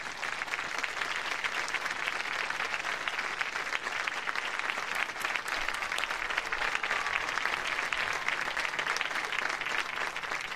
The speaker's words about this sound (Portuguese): Muito aplaudido, Santo Padre. Naturalmente, uma demonstração de carinho aos presentes nesse encontro no SEDIA.